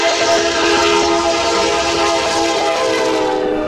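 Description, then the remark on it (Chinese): A train on the Qinghai-Tibet railway, in its hinterland near Wudaoliang station at about 4,673 metres altitude, rumbles past, loud and continuous, with steady ringing tones layered over the rolling clatter of its wheels. No one speaks. “5道梁火车站，为什么我们要在车上守候这样的一个火车站？”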